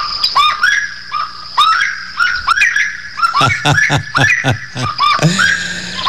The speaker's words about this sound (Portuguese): E a saracura chamando chuva, rapaz. Saracura começou a chamar chuva também, complica, né?